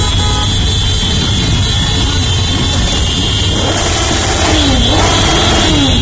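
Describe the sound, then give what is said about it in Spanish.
Loud, dense street noise of motorcycle engines revving and rising in pitch, with blaring horns honking repeatedly over a constant roar, continuous throughout. “La continuación de un fin de semana con sonidos de motos.”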